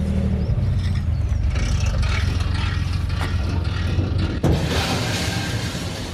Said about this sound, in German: Ein kurzes Scheppern am Anleger sagt es an. Die Gruppe Fahrradfahrer kann an Bord der Gensied gehen.